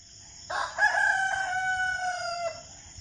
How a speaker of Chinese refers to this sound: 五天之后，张良听见公鸡打鸣就起身，不过这一次老人还是早早的就到了。